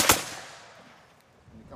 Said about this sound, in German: Und dann spannst du die Muskete und dann gibt's ein Kommando. Anlegen, schießen. Und dann feuerst du diese Muskete ab.